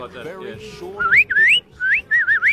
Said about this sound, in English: That's beautiful. You sort of whistle out of the side of your mouth. Yes. Did you learn or just natural? No, it's always done like that. I've never been able to whistle like everybody else.